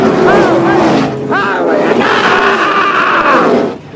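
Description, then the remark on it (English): Race cars roar past in quick succession, their engine whine sweeping up and fading, layered over a loud, excited crowd shouting throughout. “Well, what are those things? Were those the other cars?”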